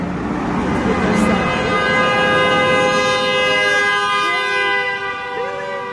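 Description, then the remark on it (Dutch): A long, loud, angry horn honk held steady for several seconds, its stacked harmonic tone sounding insistent, with faint background noise underneath. “Wow, that was a big middle finger.”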